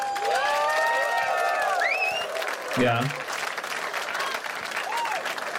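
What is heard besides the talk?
evening audience applause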